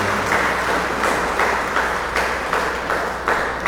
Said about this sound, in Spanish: Regalémosle un fuerte aplauso a la Sagrada Familia, a la imagen de la Sagrada Familia.